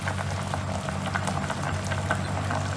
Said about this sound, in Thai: อันนี้โบลวกเอาเลือดออกเล็กน้อยค่ะแล้วก็เอาลงหม้อได้เลย